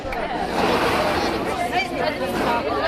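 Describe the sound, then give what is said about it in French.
A steady hubbub of many young pupils' voices chattering at once at the Collège Tariq Ibn Ziyad in Tangier on the first day of the school year, with brief scraping sounds of chairs being dragged across the floor rising through the continuous babble. “Bruit de chaises et bavardage, pas de doute, c'est bien la rentrée.”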